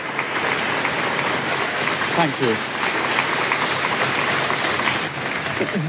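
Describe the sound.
Steady, dense applause from a crowd of staff fills the whole stretch at an even loudness, as British Prime Minister Keir Starmer announced his resignation as Labour Party leader, with a man's voice briefly speaking over the clapping midway through.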